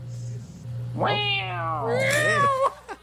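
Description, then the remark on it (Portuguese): A man's voice imitates a cat meowing: one long, loud, wavering meow that rises, bends and trails off over a steady low hum. “Pensa na miada do homem.”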